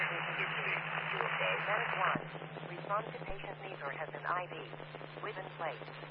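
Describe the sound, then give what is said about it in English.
A garbled, narrow-sounding emergency dispatch radio transmission crackling with static and a steady electrical hum, the voice on it muffled and unreadable, with two sharp pops breaking through. “163, have static unreadable, go again.”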